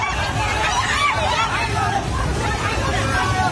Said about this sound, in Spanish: Este es el sonido del terror de la gente ante el torrente que ha arrasado en muy poco tiempo viviendas, coches, árboles y que ha dañado infraestructuras de todo tipo, carreteras, puentes, centrales hidroeléctricas